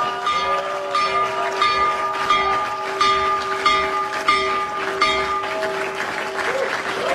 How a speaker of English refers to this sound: One, he rung the opening bell for the New York Stock Exchange from the Oval Office. I didn't know that you could do this remotely, but it turns out if you're President of the United States, you're allowed to do a remote opening bell.